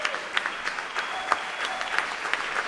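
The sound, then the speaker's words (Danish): Sustained, enthusiastic applause from an audience at Unitarernes Hus in Østerbro after a performance of Clara Schumann's piano trio, a dense steady patter of many hands clapping with no voices over it. “Og de spiller altså for et begejstret publikum her i Unitarernes Hus på Østerbro.”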